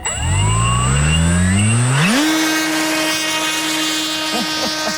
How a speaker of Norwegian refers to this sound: Her da lyden av et elektrisk modellfly.